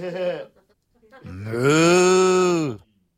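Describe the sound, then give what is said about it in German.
A short vocal sound, then after a brief pause a cow's long, low, drawn-out moo that swells and holds steady for over a second before stopping. It is loud. “Kann auch eine Kuh sein, Buh.”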